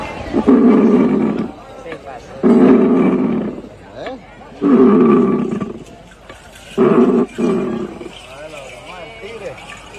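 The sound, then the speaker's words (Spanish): A bramador instrument imitating a jaguar's roar, used in the dance of the tigers performed by youths aged 12 to 14: four or five loud, rough, rumbling bursts, each about a second long and separated by short pauses. “Algo interesante sobre la danza de los tigres, conformada por jóvenes entre 14, 13 y 12 años, y llevan ellos como una especie de sonido que emite el sonido del jaguar, ese mismo.”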